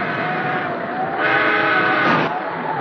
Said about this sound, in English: That's the back engine signal. Just checking the line they are to make sure it is safe for the express.